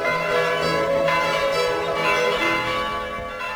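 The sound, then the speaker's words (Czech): Church bells ring out together in a dense, sustained peal, their overlapping metallic tones steady and fairly loud, with no voices heard. “Naša zvona.”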